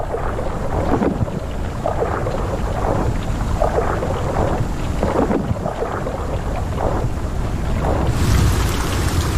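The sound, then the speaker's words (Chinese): Heavy wind and rain of a thunderstorm roar steadily with a dense, rumbling low end, broad gusting surges rising and falling throughout; no voices are heard. “大部分动物都在暴风雨中躲了起来。”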